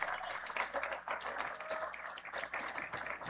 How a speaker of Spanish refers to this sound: Un aplauso al gobernador del estado de Zacatecas, el licenciado David Morreal Ávila.